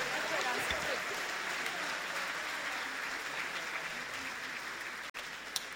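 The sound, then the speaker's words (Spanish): An audience claps steadily in sustained, dense applause for the Lord during Christian praise, a continuous wash of hand claps at even loudness with no pauses and no speech over it. “Un aplauso para Él, bendito sea el Señor.”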